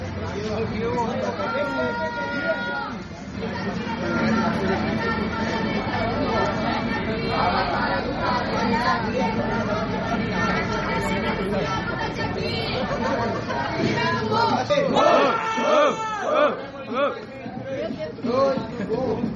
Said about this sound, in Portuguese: Aqui, os gritos vêm do público, ovacionando os versos de MCs improvisados no ritmo da batida de uma caixa de som. Os ataques são feitos com rimas e os vencedores são definidos pelos aplausos.